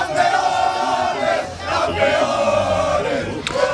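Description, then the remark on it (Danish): A large crowd in Mataró, Spain, hometown of football star Lamine Yamal, cheers and roars in celebration as Spain wins the football world title against Argentina in extra time. The sound is dense and continuous, with rising shouts and whistles, loud throughout. “Og så kunne jublen bryde ud i den spanske fodboldstjerne Lamine Yamals hjemby Mataró.”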